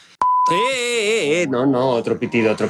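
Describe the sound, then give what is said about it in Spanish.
A short, steady high censor bleep sounds for about half a second, immediately followed by a loud, drawn-out voice speaking over it and continuing on. “No, otro pitido.”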